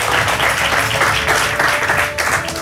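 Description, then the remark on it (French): Loud, dense applause from a sizable audience at an awards ceremony, a steady wash of many hands clapping continuously throughout, full and without any break, for Cédric Osterneau, general manager of Grand Frais Gestion, as Grand Frais receives the retail brand of the year award. “Vous pouvez l'applaudir bien fort.”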